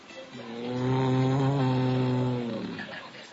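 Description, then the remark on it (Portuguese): A person imitates an ox on Noah's Ark with one long, low mooing sound that swells louder in the middle, holds steady for about two seconds, then fades away. “Todo dia Noé ouvia o boi fazendo assim.”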